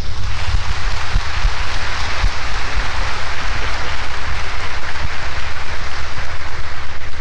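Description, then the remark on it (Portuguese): Sustained, loud applause from a crowd welcoming a parish priest as guest: a dense, steady wash of clapping that holds evenly for several seconds with no voices over it. “A ele, boas-vindas e as nossas palmas.”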